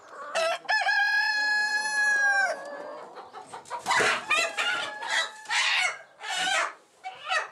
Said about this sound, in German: Es ist schwierig, er ist ein Problemhahn. Echt? Ja? Nee, weil er immer wieder hier vorne hinkommt. Er bleibt einfach nicht.